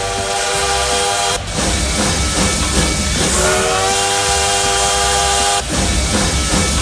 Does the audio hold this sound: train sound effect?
yes